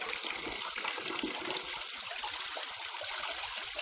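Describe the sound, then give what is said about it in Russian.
Verzila showers in a wooden plank stall, the water running in a steady, hissing spray and splashing continuously without a break for the whole stretch, with no voices over it. “Верзила принимает душ в дощатой кабинке.”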